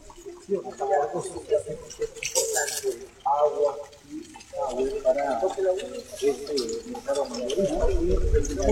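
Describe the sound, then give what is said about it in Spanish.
Water runs from a newly installed tap at the Mario Luis market in a steady, splashing stream, partly masked by people talking throughout. “Agua está por gusto, ¿no?”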